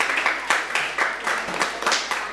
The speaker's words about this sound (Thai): ถูกต้องครับเก่งมากๆเลยปรบมือเพื่อนดังๆได้เลยครับ